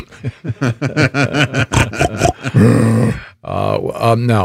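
A rapid run of deep, throaty grunts builds into a long, loud, rasping roar, followed by another rough, growling bellow. It sounds like a big animal, with no talking over it.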